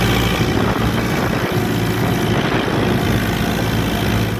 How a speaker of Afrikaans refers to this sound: Hierdie man is op sy trekker. Hy het 'n video gemaak waar hy op sy trekker bezig is om te ploeg. Want die grond is nat, hulle moet ploeg, hulle moet plant, hulle moet lekker gaan. Hoor hom bietjie.